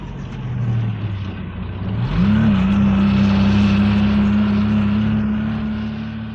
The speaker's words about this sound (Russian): Дорога становится все круче. Чем дальше, тем глубже снег. Машина буксует, и мы подталкиваем ее.